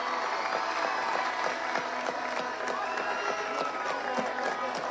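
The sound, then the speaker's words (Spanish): Steady, dense applause from a large audience for the Paraguayan national football team delegation, many hands clapping at once in a continuous wash of claps with crowd noise mixed in, holding at an even loudness throughout. “Y pido un fuerte aplauso para todo este gran grupo que representó a nuestro país.”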